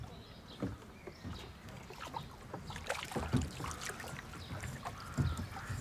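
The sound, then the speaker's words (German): A blue rowboat being sculled with a single oar using the old technique called wriggen, repeated watery swishes and knocks of the blade as it works back and forth, over a steady wash of water and light wind. “Seit seinem 5. Lebensjahr musste er mit dem blauen Boot hin und her rudern. Wriggen heißt diese alte Technik.”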